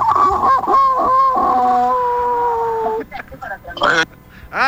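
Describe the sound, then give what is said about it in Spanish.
A rooster lets out one long, loud, strained crow, holding it for about three seconds before it fades, followed by a few short, choppy vocal bursts. “Este gallo ya está desahuciado.”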